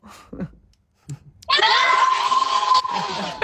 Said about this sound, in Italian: Potete salutare, fate segno sì col pollice, salutateci, fateci sentire. Non li sentiamo. Ciao, fate un grido.